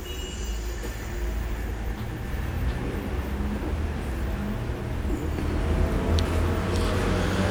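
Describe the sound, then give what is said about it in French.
A heavy transport truck rumbles past on Rue de Bussy with a deep, steady engine drone that swells slightly toward the end, set against continuous city traffic noise. No voices are heard. “Rue de Bussy passe un camion service complet du transport”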